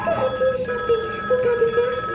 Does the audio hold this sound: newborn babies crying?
no